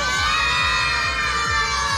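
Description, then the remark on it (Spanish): A crowd of children shouts goodbye loudly in unison into the microphone, a dense, sustained chorus of high voices that holds steady for the full two seconds. “Digan adiós en el micrófono, griten fuerte, fuerte.”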